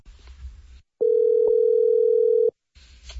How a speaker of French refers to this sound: Ça sonne, là. Ça sonne.